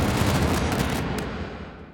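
explosion sound effect

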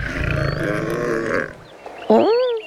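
lion yawning

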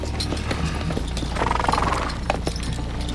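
horses walking

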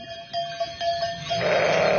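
sheep bleating

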